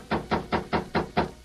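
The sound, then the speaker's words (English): Six firm knocks on a door in quick, steady succession, fairly loud, with no voices, heard early in the morning. “Early the next morning, Ben and Tess Hastings heard a knock on their door.”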